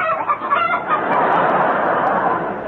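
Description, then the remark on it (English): A comic sound effect in the Goon Show of a pair of red panel drawers cackling like a hen: a loud, rapid, continuous burst of clucks with a rough, scratchy tone that holds steady for a couple of seconds, with no talking over it. “a good laugh and a pair of cackling drawers”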